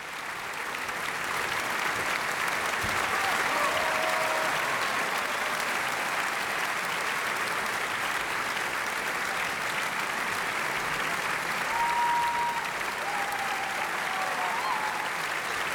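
Sustained, dense applause from a large audience at the Salzburg Festival after a performance of a Hans Werner Henze opera based on a Heinrich von Kleist play, a steady roar of clapping lasting the whole stretch with a few faint shouts or calls rising above it.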